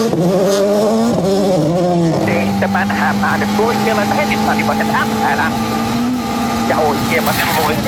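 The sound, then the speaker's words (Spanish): A rally car engine revs hard on the rally's Super Stage during its second pass, its pitch surging and dipping, then settles into a steady, loud drone while someone talks over the noise. “Ahí está, mira, Payari.”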